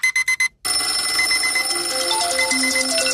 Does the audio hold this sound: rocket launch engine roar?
no